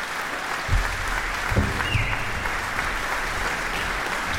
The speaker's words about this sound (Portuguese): Aplausos do público presente no grande auditório da Fundação Carlos de Gulbenkian para a Orquestra Metropolitana de Lisboa e para o maestro Pedro Neves, que acabou de interpretar este divertimento número 1 cheio de vitalidade de Jolie Braga Santos.